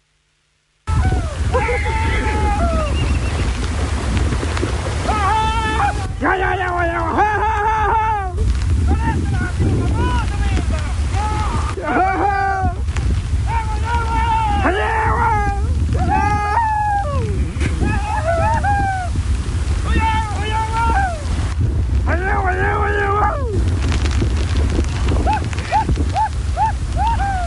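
Loud outdoor scene by the rushing floodwater of the Carampangue River at Punta Carampangue, Arauco, during a rescue of about 30 horses stranded by the flood, with constant wind buffeting the microphone and a low motor rumble, while several people shout and call out to one another throughout.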